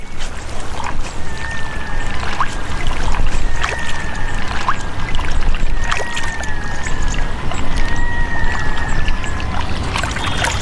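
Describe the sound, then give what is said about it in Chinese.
A female brown bear bathing in a pond, splashing and sloshing about, with steady churning water and repeated swishing surges, loud and continuous throughout, with faint thin tones drifting over the top and no talking. “雌性棕熊洗澡时还可以吃点零食，池塘里的水草富含矿物质，对棕熊来说是有益健康的食物。”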